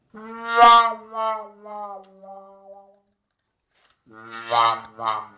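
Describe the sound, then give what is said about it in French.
A brass instrument with a wah-wah mute, as heard at each misfortune of the hunting dog in a Tex Avery cartoon, plays a drooping, mournful phrase of about four wailing notes that fade away, then after a pause blares two louder, brighter wah notes. “Cette sourdine qui fait wah-wah s'appelle donc la sourdine wah-wah.”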